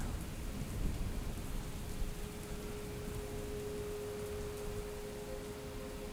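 Steady rain pours down continuously, with a low rumble of thunder rolling underneath. The downpour stays even and fairly loud throughout, with no voices.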